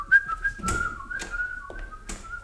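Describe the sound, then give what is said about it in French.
A person whistles a short, wavering tune, the steady pitch sliding up and down across a few seconds, with some light tapping or shuffling noises in the background. “Comment ? Il siffle ?”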